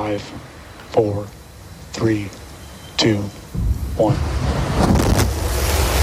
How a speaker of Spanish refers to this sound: Es el despegue de Starship, el megacohete de SpaceX, la empresa de Elon Musk. Hoy ha conseguido poner su nave en órbita por primera vez, pero el vuelo ha terminado antes de lo previsto y con una explosión,